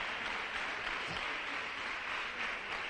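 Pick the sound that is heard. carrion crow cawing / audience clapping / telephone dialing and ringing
audience clapping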